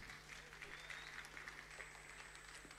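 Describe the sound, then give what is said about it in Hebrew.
An audience breaks into sustained applause for Rabbi Tzvika Cohen, deputy mayor of Jerusalem, a dense steady wash of many hands clapping at even loudness, with a faint high tone and low hum running underneath. “אז מגיע לו הרבה מחיאות כפיים, הרב צביקה כהן.”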